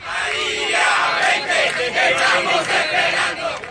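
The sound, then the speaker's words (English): A crowd of hundreds chants in unison on the streets of Caracas, Venezuela, demanding the return of exiled opposition figure Maria Corina Machado; many voices rise and fall in a steady, rhythmic pulse that stays loud and continuous throughout. “Come back, we are waiting for you, one of the messages echoing through the streets of Caracas.”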